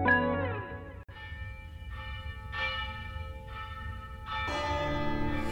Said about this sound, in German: Die Glocke! Jemand hat sich wieder auf den Glockenturm geschlichen und läutet die Glocke.